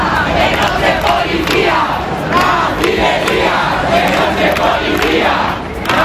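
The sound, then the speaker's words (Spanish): A crowd of protesters at the Puerta del Sol in Madrid, by the Real Casa de Correos, shouts and yells at the Policía Nacional after two people were detained, many voices overlapping in loud, angry outbursts that rise and fall in waves without pause. “Los gritos contra la Policía Nacional, que ha detenido a dos personas, eso ha alterado a la gente que protesta en este punto de la Puerta del Sol, y han llegado más refuerzos de la OIP.”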